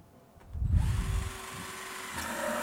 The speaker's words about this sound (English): Walang special na gamit na kailangan. Yung drill na yan ay meron kayo.